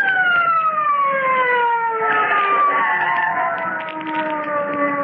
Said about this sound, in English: Listen. Police car. Sounded like it.